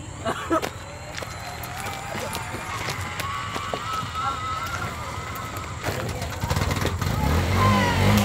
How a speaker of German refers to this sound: Endlich! Der Motor läuft wieder.